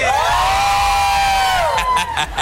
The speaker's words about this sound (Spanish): Ya estamos de regreso, Exalovers, completamente en vivo desde el Estadio Revolución. ¡Y el grito de la gente!